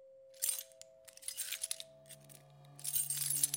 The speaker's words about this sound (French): Les clés, tout partout où vous allez, vous avez le bruit des clés.